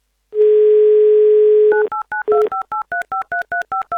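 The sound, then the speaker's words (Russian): On a radio show, a steady, loud dial tone hums for over a second, then a quick run of about eleven short two-pitched touch-tone beeps sounds as a listener's phone number is dialed, with no voices. “Давайте наберем ее номер.”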